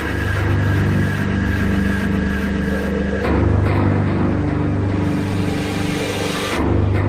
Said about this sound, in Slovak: Záchranná akcia sa končí až o 8:45 večer, kedy sa vrtuľníkom minie palivo. Vrtuľník Air Transport pristáva na letisku v Poprade až tesne pred zotmením.